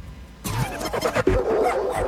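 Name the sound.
dog barking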